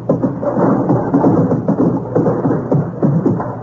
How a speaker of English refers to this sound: You're going fox hunting? Well, what's all that noise? Can't get my horse out of the phone booth. There's a noise of galloping.